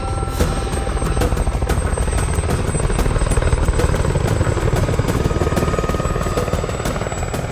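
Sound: helicopters landing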